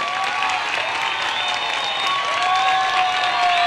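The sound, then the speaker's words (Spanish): A crowd claps steadily and loudly throughout, a dense, continuous wash of applause with some faint whistles or cheers rising over it, applause given to the Lord at a Minuto de Dios event in Medellín, Colombia. “Comenzamos dándole un aplauso al Señor de la vida.”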